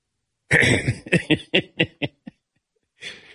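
A close, loud throat clearing: one harsh raspy rumble followed by a string of short, fading clearing bursts, ending with a brief breathy exhale, with no talking.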